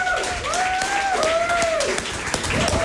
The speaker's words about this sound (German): Dann brauchen wir noch einen krachenden Applaus für die Technik, die das ermöglicht hat.